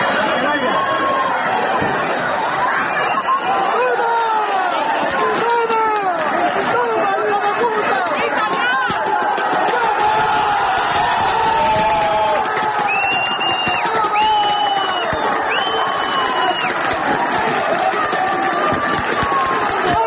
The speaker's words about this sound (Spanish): Porque así sonaban las gradas del pitido final del Calvo Sotelo 1, la Solana 0, con el que el equipo de fútbol de Puerto Llano ascendía ayer a eso de las 8 de la tarde a segunda ref, tras proclamarse campeón del grupo 18 de tercera división.